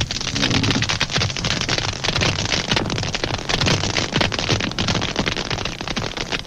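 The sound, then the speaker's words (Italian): A colony of snapping shrimp, each about two centimetres long, clicking with their larger claw; the clicks pile into a loud, dense crackle, countless sharp pops blending into a continuous sizzling roar, like heavy rain or frying fat, with no voices. “In una normale colonia, i ticchettii si assommano a formare un frastuono assordante e continuo.”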